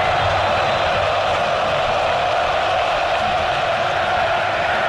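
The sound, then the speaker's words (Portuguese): A dense, steady roar from more than 40,000 football fans singing together at Arena Corinthians during a match against Coritiba, a continuous wash of many voices with no breaks and no single voice standing out. “Mais de 40 mil aqui na Arena Corinthians, sofrendo, eles não desanimam não, cantam o tempo inteiro, ouça aqui a Arena Corinthians, Vila Belmiro, torcedor está aqui.”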